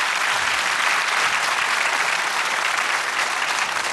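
Sustained applause from an audience fills the whole stretch, a dense, steady wash of many hands clapping at once, fairly loud and close, with no voices rising above it.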